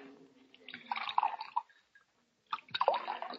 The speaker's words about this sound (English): Set out a couple of glasses in that bottle you've got your hand on. We'll pour our own. Yes. Yeah, I'll pour yours, Doc.